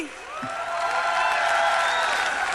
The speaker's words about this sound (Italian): Un applauso anche al maestro Di Ignazzi!